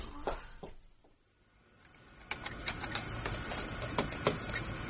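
A printer whirs and clatters as it prints, with a brief lull before a steady run of sharp, rapid mechanical ticks and clicks over a constant motor hum.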